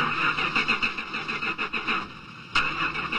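A car engine cranks repeatedly without catching, a whirring, pulsing starter rhythm with a whiny high-pitched tone, fairly loud, then a brief renewed burst near the end; it is the fifth time this car has refused to start.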